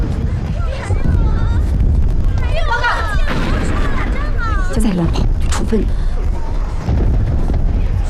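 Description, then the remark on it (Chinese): Heavy, continuous booming of bomb blasts and artillery fire fills the scene, loud, while several voices shout urgently over the rumbling barrage. “啥情况？炸弹！炸弹！”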